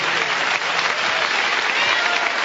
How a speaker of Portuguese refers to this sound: Pode louvar a Deus com as palmas, meus irmãos.